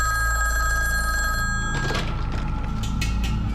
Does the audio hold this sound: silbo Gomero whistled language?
no